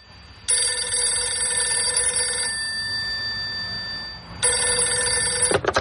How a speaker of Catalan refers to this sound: arriba un dia que sona el telèfon a Manresa, encara al domicili familiar.